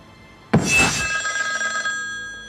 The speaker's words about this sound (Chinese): 于大少爷，我接个电话。